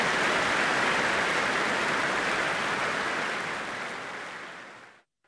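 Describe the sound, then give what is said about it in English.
Sustained applause from the audience at the Royal Albert Hall, BBC Proms, after Arcangelo's performance of Bach's Mass in B minor: a dense, steady wash of many hands clapping at once that holds loud for about five seconds before tailing off abruptly into silence. “Well, the extended applause says it all, really.”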